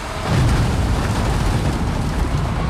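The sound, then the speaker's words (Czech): A loader in front of the sugar factory in Litovel, Olomouc region, pours more tons of sugar beets onto a conveyor: a loud, steady rumbling clatter of tumbling beets that swells after a moment and holds for several seconds, with no voices. “Nakladač před cukrovarem v Litovli na Olomoucku sype na dopravník další tuny cukrové řepy.”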